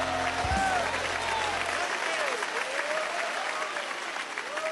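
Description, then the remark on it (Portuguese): An audience claps steadily in praise of God and Jesus, a dense, sustained wash of applause, with a faint melodic tone drifting underneath and a low rumble fading out early. “Podem louvar a Deus com as palmas, aleluia.”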